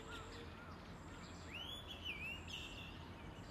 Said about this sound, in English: Blackbirds and sparrows are just shouting. Yeah. That's a blackbird. Yeah. Yes. I can hear sparrows.